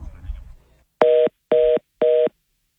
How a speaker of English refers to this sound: I'm going to hang up the phone.